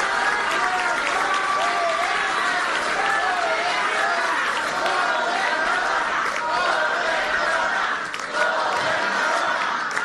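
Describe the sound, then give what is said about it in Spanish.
A large crowd applauds the governor steadily and loudly for about ten seconds, the dense clapping mixed with scattered cheers and shouting voices, dipping briefly near the end before carrying on. “Y entonces hay que darle otro aplauso a la gobernadora porque mucho se debe a su trabajo, a su liderazgo.”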